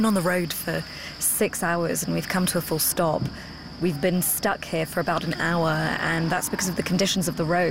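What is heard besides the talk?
crickets chirping at night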